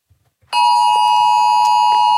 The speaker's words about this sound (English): Meanwhile, the Oz Alert test. Did you get the Oz Alert 2 o'clock Monday? This loud noise went off on people's phones.